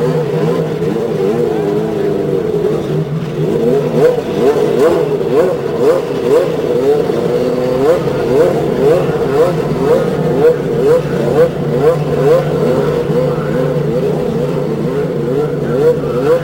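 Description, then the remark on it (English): A dense roar of 33 race car engines at the Indianapolis Motor Speedway firing up together and revving after the start command, their overlapping pitches rising and falling in a loud, continuous wall of sound. “Ladies and gentlemen, start your engines. And 33 engines spring to life.”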